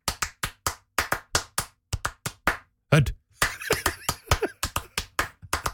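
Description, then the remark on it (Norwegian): Loud, sharp hand claps in a steady chant rhythm of a supporter chant for the football club Hødd, with a brief burst of shouting voices partway through before the clapping picks up again. “Det jo bare, det jo 99% klapper.”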